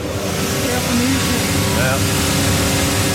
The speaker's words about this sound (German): Das ist das Schleifband. Genau, und abgeschliffen wird, damit also jetzt quasi die Innensohle, die drinnen ist, dass man die dann verbinden kann, dass es schön flach ist für, mit der Aussensohle, die jetzt drauf kommt.